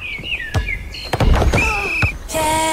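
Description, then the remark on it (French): A door shuts with a heavy thunk, among several dull thuds mixed with squeaky, whirring mechanical tones and a steady hum at the end; no one speaks. “Portes et fenêtres.”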